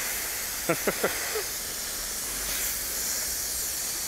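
Water spray hisses steadily, a broad, even rush throughout, showering a condor, including under its wing, on a hot day. Early on, three quick descending squeaky chirps cut through the spray, followed by a fainter fourth.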